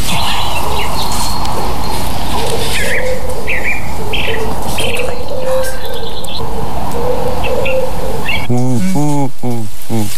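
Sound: common wood pigeon cooing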